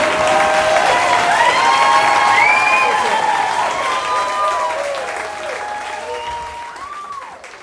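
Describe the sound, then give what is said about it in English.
An audience in Asheville applauds comedian Joe Zimmerman steadily in a dense, sustained wash of clapping, with a few whistles and whoops rising above it, before the ovation gradually thins and fades toward the end. “You're still clapping?”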